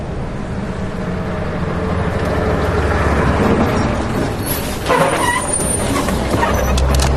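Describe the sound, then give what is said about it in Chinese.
A car drives steadily from Gonggar Airport to Nedong in Tibet, a ride of over an hour, with a continuous low, loud engine rumble and road noise, swelling slightly midway with some rattling, and no one speaking. “出了机场，我们又坐了一个多小时的汽车，来到了乃东。”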